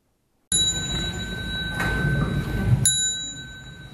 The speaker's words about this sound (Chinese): 众人跟随钟声弯腰鞠躬，向已故的辽国佛教长老致敬。